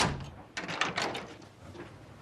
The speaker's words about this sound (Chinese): 又跟了过去，并且锁上了门。